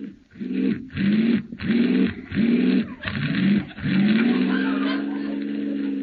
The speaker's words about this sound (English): This car doesn't work very well. Start it again.